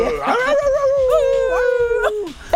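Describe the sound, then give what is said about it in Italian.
A single long, loud wolf howl, holding a wavering pitch for a couple of seconds before sliding downward and fading out, with no other sounds around it. “Yeah, man, it's the night of the wolf. Sì, la notte dei lupi.”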